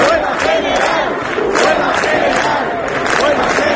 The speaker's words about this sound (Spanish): Hoy termina el plazo dado por la comunidad y el ayuntamiento para desalojar la Puerta del Sol, que una noche más está abarrotada de gente protestando por la crisis de la vivienda.